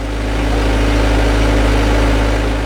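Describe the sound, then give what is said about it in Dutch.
The engine of a heavy potato harvesting machine runs steadily at idle during potato season in Japan, while workers on the machine sort the potatoes: a deep continuous low rumble with a constant mechanical hum and vibration, loud and unbroken throughout, with no voices. “Op de oogstmachine staat een groepje Filipijnse en Japanse werkers de aardappelen te scheiden”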